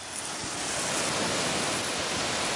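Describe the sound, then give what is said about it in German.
A steady rush of spraying water from a garden hose held by a zookeeper in the alpaca enclosure, spraying the alpacas, a dense hiss that holds evenly for a few seconds with no voices over it. “hat im Gehege der Alpakas den Wasserschlauch schon in der Hand.”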